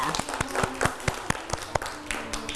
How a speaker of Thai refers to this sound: วันนี้เด็กๆเก่งมากเลยค่ะปรบมือให้ตัวเองด้วยค่ะ